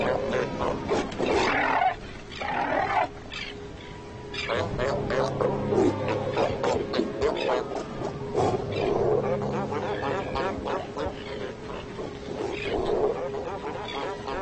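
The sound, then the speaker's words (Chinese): Fur seal bulls roar and growl at each other in a noisy scuffle at the edge of their territories, with harsh overlapping bellows and grunts carrying on almost without pause. “但是有时候这还不够，海狗们在领地边缘擦枪走火的事情也时有发生。”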